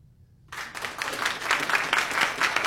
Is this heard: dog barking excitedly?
no